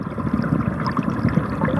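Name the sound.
flowing river water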